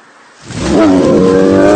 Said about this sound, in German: Ein Bär! Bleiben Sie ruhig. Bewegen Sie sich nicht. Er interessiert sich überhaupt nicht für uns. Also sowas habe ich noch nie erlebt. Der war ja völlig durchgedreht.